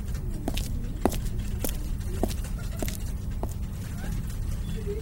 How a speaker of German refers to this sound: Schnellen Schrittes ging ich in mein Büro, direkt zum freien Untersuchungstisch 3, wo ich sogleich alle gesammelten Objekte ausbreitete.